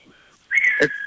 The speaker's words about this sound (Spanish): Escuché un silbido